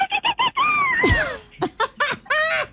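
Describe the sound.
A voice imitates a bottlenose dolphin's call: rapid high squeaky chirps, a long wavering whistle that swoops down, then another burst of bright chattering squeaks, loud.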